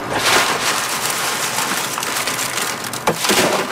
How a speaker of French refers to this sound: Pour aller chercher le haricot à l'intérieur, je les écrase avec les mains. Puis après, avec le vent, j'envoie ça ici, on appelle ça vanner. C'est que là, avec le vent, la cosse, ça s'en va, puis le grain tombe.